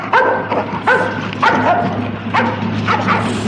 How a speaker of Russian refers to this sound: Эй, пацан! Держи свою собаку! Держи, а то укусит!